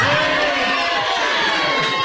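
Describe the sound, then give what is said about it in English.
A big crowd in Gallagher's pub in Ballyfack cheers and shouts together on a count of three, in the build-up to the All-Ireland Senior Hurling Championship Final: a loud, sustained roar, many voices overlapping in a bright, dense wash of whoops and yells that holds steady for about two seconds. “And as you can hear there, we have a big crowd in Gallagher's of Ballyfack. Can I get a big golly of a boo on 1, 2, 3?”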